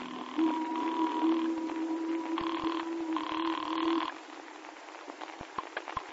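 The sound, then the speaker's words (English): A telephone ringing tone heard down the line, on a call placed from Teddington, on the river: a few buzzing bursts over a steady electrical hum, followed by scattered clicks as the ringing stops. “And so when we docked again to take another machine gun aboard, I made a phone call.”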